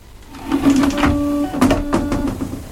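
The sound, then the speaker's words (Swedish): An electric Japanese-style bidet toilet whirs with a steady motorized hum while its nozzle sprays water in short hissing bursts, used instead of wiping with paper. It is a mechanical buzz with no talking over it. “Man kan så här spruta vatten istället för att torka sig med papper.”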